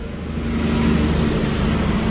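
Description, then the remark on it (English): A heavy logging truck roars past on State Highway 1 where it runs through a small town of about 690 people, its deep engine rumble and road noise swelling loud after a moment and holding steady, with no voices. “And I'm going to have to stop for a logging truck that's coming past.”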